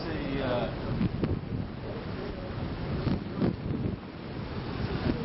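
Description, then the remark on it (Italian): Steady rush of sea waves washing on the shore with gusty wind buffeting the microphone, a continuous broad roar with occasional louder surges, recorded outdoors. “Ed eccoci davanti al mare, si sente odore di mare e rumori di mare.”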